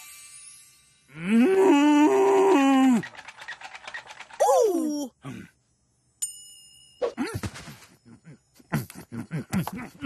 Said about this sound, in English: Moo.